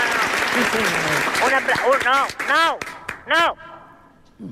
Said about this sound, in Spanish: Por lo tanto, pido a toda la gente que está aquí en este Teatro España, por favor, que mande un aplauso enorme a los oyentes que están en sus casas.